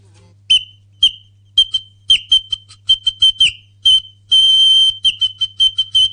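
A toy water bird whistle chirps in a run of short, shrill warbling bursts, with one longer bubbling trill, the high pitch wavering and sliding between notes, loud and with no one talking.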